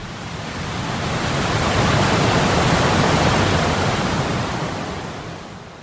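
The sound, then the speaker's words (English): A dense, steady roar of water from a calm lake pouring rapidly through a dam and turning a turbine that makes electricity, swelling in at the start and easing off at the end, loud and continuous with no voices. “On the other side, water pours quickly through the structure.”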